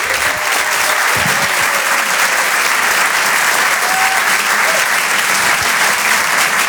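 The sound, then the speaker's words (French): Sustained, loud applause from an audience welcoming performer Reda Siddiqui, a dense steady wash of clapping for several seconds with a few faint cheers or whistles mixed in. “Je vous demande de l'encourager, de faire un maximum de bruit, un tonnerre d'applaudissements s'il vous plaît pour Reda Siddiqui.”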